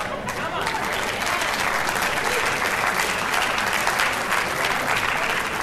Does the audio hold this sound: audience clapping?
yes